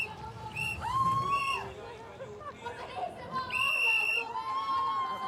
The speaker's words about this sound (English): Lots of shrieking and whistling going on here.